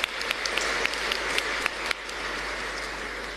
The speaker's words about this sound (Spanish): ¿Están presentes? Ahí están. Oh, felicidades, un aplauso para ellos.